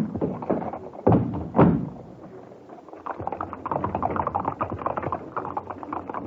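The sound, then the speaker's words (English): Two heavy thuds, then a horse-drawn four-wheeler cab gets moving: a steady, busy clatter of clip-clopping hooves over a low rumble of wheels, carrying on evenly to the end. “We'll take a four-wheeler. Cab!”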